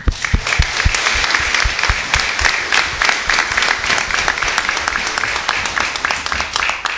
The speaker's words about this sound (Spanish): Así que también un aplauso para la familia.